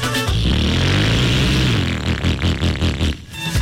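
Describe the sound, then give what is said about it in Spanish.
A loud motorcycle engine roars, its pitch climbing and then pulsing in quick rhythmic bursts as the throttle is blipped, with no voices over it. “Yo no sé por qué algunas personas piensan que si la moto se oye más duro, ellos se sienten más poderosos.”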